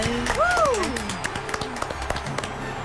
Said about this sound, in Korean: 안 웃는 건 상관없는데 박수는 좀 상관 있어요. 박수를 좀 부탁드립니다.